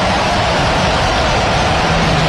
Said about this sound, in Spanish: Sonido ambiente. Le llevamos el estadio a su casa, a su lugar de trabajo.